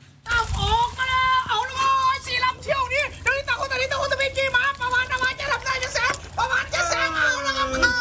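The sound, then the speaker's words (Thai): A crowd of children shouts and cheers excitedly at a race of small rubber-band-powered wooden boats in Nong Khai province, Thailand, cheering like at a long-boat race; many high voices overlap continuously and loudly, with a low rumble of outdoor noise underneath. “จะเรียกว่าเป็นการจำลองแข่งขันเรือยาวก็ไม่ผิดนะครับเพราะว่าทรงคล้ายๆกันเด็กๆก็พากเสียงเชียร์เหมือนแข่งเรือยาวครับแต่ว่าเรือลำน้อยนี้เรียกกันว่าเรือไม้ดีดหนังยางแบบท้ายตัด”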